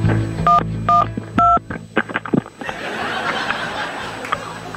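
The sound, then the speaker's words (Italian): Three crisp telephone keypad tones beep in quick succession as someone dials the emergency number 112, followed by a burst of laughter and chatter from a few people. “Ma attenzione, sta per chiamare il 112.”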